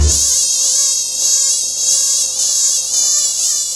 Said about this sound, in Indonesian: Aduh, nyamuk ini banyak apa dalam kamar ini? Aduh.